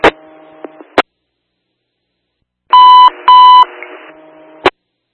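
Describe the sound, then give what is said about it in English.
A radio dispatch alert tone (tone 5, for units responding to a horse incident): two loud, steady electronic beeps in quick succession, bracketed by sharp clicks of a radio keying on and off over a faint background hum. “On tone 5 for units responding to the horse incident.”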